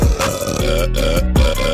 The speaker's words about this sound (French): Roté. Pour aller roter. Je sais pas pourquoi j'ai fait ça, je m'excuse.